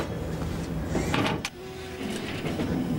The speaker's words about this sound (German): So, Willi, das ist jetzt unsere Windkraftanlage.